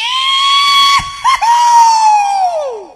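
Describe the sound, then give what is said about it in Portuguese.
A single loud, high-pitched cowboy yell held for about three seconds, briefly breaking twice in the middle before trailing off with a falling pitch at the end, heard alone. “Ah, esse é melhor, né? Esse é mais de cowboy mesmo, né?”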